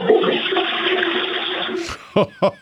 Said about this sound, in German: Ihr habt ja voll die laute Klospülung.